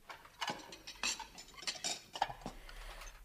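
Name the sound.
washing dishes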